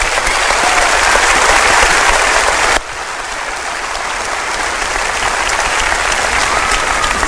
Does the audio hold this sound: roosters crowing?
no